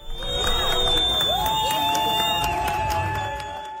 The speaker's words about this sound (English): Soccer fans greet the Turkish national team as their bus arrives in Vancouver.